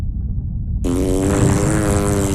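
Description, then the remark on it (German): A loud, sustained cartoon fart sound effect, made by Pupsonauten powder and inflating an anaconda's body, with a buzzy, rumbling low start that bursts into a brighter, harmonic blare about a second in, continuing steadily to the end. “Der Pupsonautenpups blähte den Leib der Anaconda auf und drohte sie zum Platzen zu bringen.”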